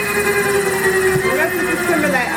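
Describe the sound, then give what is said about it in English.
A loud, steady helicopter drone fills the scene as the helicopter flies with a passenger aboard, its engine whine and rotor hum holding constant, with faint voices blending into the mechanical noise. “How do you concentrate flying a helicopter with someone in there?”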